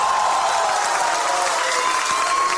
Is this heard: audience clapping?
yes